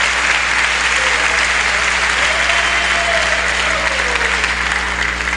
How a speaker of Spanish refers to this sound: Dele fuerte el aplauso a Dios maravilloso.